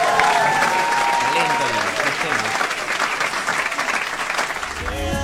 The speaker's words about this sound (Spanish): Y este aplauso es para vos, Octavio, de parte de todos.